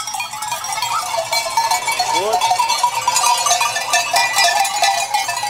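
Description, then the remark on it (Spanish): At dawn, a flock of sheep is let out of a night shelter in groups, with a steady jangle of many clanking bells and an occasional bleat rising above the continuous shuffle and clatter. “Dejan salir a las ovejas en grupos.”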